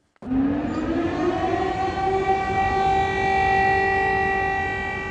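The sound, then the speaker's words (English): An air raid siren winds up and holds a loud, steady wail for several seconds, droning over Kyiv, Ukraine, during a drone threat, with a broad rumble of background noise and no voices. “Sirens sounded across the city amid a drone threat.”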